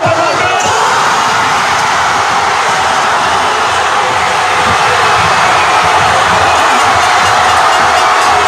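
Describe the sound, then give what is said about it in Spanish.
A large crowd of people in Spain watching the national team roars and cheers to celebrate Ferran Torres's goal in the 106th minute, a loud, sustained wall of shouting voices that holds steady throughout without a break. “Este grito valía igual para Madrid que para Barcelona, que para donde fuese, porque era básicamente el mismo.”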